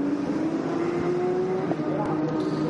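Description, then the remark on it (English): A race car engine, the number 888 car of Seb Lejeune, sitting third in the 992 class, drones loudly and steadily, its pitch rising slightly as it holds speed, with a faint voice talking underneath. “So, yeah, that is actually the 888 car.”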